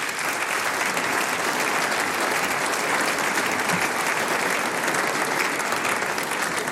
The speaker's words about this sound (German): Herzlich willkommen, Landtagsabgeordneter Stefan Resch. Das ist dein Applaus. Komm auf zu mir.